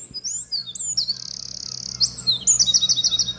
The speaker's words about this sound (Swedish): Ja, det är en gärdsmygg det här. Jajamän. Och efter visslingarna då som vi hört nu så kommer 3 varianter på drillar.